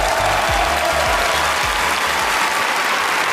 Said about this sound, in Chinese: 让我们再次掌声感谢已经换装完毕的朱世慧老师，还有他的两个徒弟丑行 Twins， 掌声。